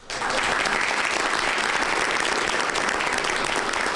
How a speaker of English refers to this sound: There you go. Big applause for the new boss there.